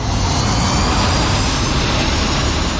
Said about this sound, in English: It's a plane.